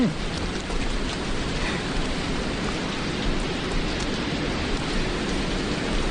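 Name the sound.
heavy rain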